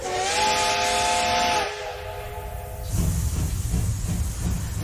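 A steam locomotive whistle sounds loud and close with a bright multi-tone blast over a rush of hissing steam, then fades as chugging, rumbling engine noise takes over.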